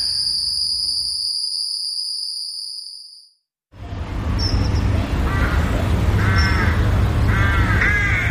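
A steady, high insect-like drone fades to near silence, then a noisy outdoor backdrop where crows give a series of harsh, repeated caws, roughly one every second.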